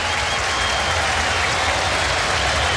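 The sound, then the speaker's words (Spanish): A large stadium crowd of about 25,000 fans applauds captain Arangui as he is substituted off in a football match between la U and Everton. It is a dense, continuous wash of clapping from thousands of hands that holds at an even, loud level throughout. “Se va Arangui, se va el capitán. Escuchemos el aplauso.”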